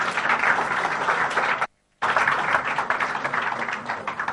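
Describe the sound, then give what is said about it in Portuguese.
A round of applause from many hands, a dense, steady crackle of clapping that cuts out abruptly into silence for a moment, then resumes just as full and continues to the end. “Uma salva de palmas.”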